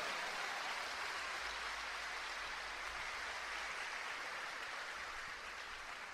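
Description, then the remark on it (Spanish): An audience applauds steadily for about six seconds in honour of the women who save the church, a dense, even wash of many hands clapping with no voices over it. “Pero un gran aplauso para esas mujeres que, como la Virgen María, salvan la iglesia.”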